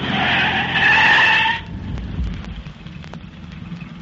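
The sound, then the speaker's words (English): A car skids straight across a narrow road to block it: a loud, high tire screech lasts about a second and a half, then cuts off, leaving a low rumbling wash and a few faint clicks as the car comes to rest. “Hang on while I skid this car straight across the road.”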